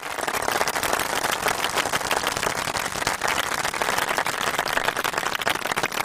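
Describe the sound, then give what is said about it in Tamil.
Steady hand clapping from a group on an FM radio show, applauding a participant for reciting lines without mistakes, a dense, even patter of many claps with no pauses, holding at a constant loudness for the full six seconds with no voices. “இவ்வளோ தூரம் கொஞ்சம் தப்பு இல்லாமல் சொன்னதுக்கே கைத்தட்டல் கொடுத்துடலாம் அன்புமணிக்கு.”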